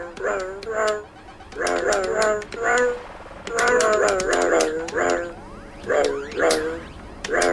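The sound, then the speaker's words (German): A person imitates a dog barking as a brief demonstration, with a series of short, loud, voiced yaps in uneven bursts and brief pauses between groups. “Ich bin eigentlich nur der Regisseur von der ganzen Sache hier, aber naja, ich meine, was soll's, ich kann ja mal kurz demonstrieren. Ein wenig Hund kann ich.”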